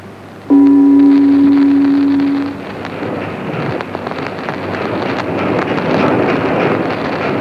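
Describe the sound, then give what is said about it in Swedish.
A boat travels south on the water towards Budapest, opening with a steady two-second horn-like tone, then continuous wind buffeting and a broad rushing noise that stays loud throughout. “Nu är vi igen ombord på vår gemytliga båt och färdas mot söder.”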